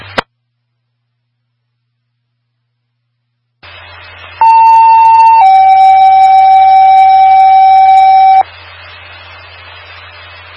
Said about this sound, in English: Attention all receivers, this is a test and a test only on the all-call paging system on the Ohio Tower. Disregard the tones and reset your monitors.